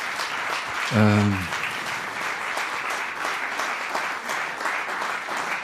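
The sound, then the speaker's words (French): An audience claps steadily and densely for several seconds to applaud the performing team, a continuous wash of applause, with a brief voice calling out near the start. “Donc, je crois que vous pouvez les applaudir encore très très fort.”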